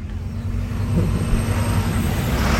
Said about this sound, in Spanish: Ya ni había tanto tráfico, ya se había calmado el tráfico. O sea, el que ustedes escuchan ya ese ya no es.